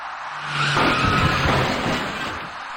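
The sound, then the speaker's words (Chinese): Cars travelling west to east on a green light drive through a road intersection, engines rumbling over a steady wash of road noise, with a thin high whine rising briefly in the middle. No voices. “可是，当由西向东行驶的车辆在绿灯的指引下进入路口后，那位骑车人却没有行动，但是危险伴随着他。”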